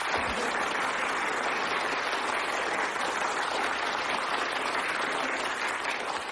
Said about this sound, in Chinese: 同志们，立功的时刻就要到了。最后一把，准备又乐又鼓掌。 好， 开始啊！ 没问题， 准备录音。 哎， 预备，鼓掌！